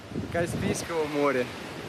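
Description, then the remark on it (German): Surf from the Caspian Sea washes steadily onto a huge empty beach in Dagestan, Russia, a constant rushing hiss, while voices call out over the water noise. “Hier am wundervollen Kaspischen Meer wartet ein riesiger leerer Strand auf euch.”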